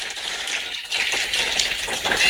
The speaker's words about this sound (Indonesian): Boleh dong ya untuk menyemangati kita di sore hari ini dan mengapresiasi semua ya di sore hari ini. Boleh saya minta kita kasih tepuk tangan yang paling meriah.